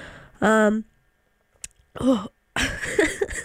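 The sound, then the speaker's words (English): A radio host on station WXIC clears their throat with a short voiced grunt, then breaks into a rough, breathy coughing fit after a brief pause, loud. “Oh my goodness, I'm gonna cough again.”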